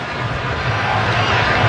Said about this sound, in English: Right on cue. By the way, the groans you just heard from the crowd here in Seattle was because of the update on the big screen and them seeing that Belgium has taken now a 2-0 lead, which is not what the Pharaohs are hoping for,